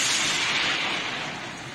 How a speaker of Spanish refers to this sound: Mándame otra vez la señal, Dios mío, que el trueno no me dejó escucharte.